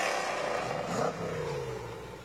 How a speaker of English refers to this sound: and his 65 Cobra. Sounds good. Looks even better.